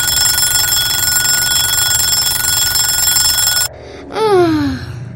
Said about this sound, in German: Jetzt klingelt sein Wecker.